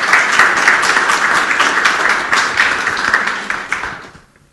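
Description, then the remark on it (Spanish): An audience at an education workshop applauds the José Bernardo Alcedo school from Salpo district with dense, steady clapping that stays loud for about four seconds, then thins out and fades quickly at the end. No one speaks over it. “Fuerte los aplausos.”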